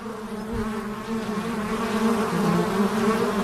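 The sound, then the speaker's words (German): Steady buzzing and humming of wild bees, a dense, continuous drone with layered tones as several bees hover, sustained at an even level with no voices. “Kennen Sie natürlich dieses Summen und Brummen.”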